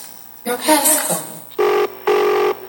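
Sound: telephone ringing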